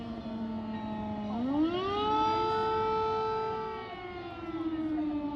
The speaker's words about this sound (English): So, we just heard an air alarm, which means that all the babies are being taken to the basement for safety.